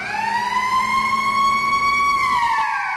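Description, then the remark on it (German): A loud, steady siren wails, its tone rising slowly, holding, then dipping near the end, with a low engine rumble underneath and no voices. It is the first siren at a market, sounding at exactly 3 a.m. to mark the opening. “Die erste Sirene ertönt um Punkt 3 Uhr.”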